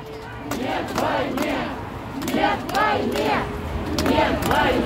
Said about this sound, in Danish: Og mens Kreml forsøger at lukke munden på kritikere, så våger russere sig ind ud på gaden for at råbe deres modstand mod den nye store krig.